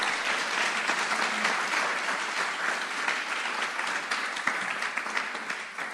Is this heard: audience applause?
yes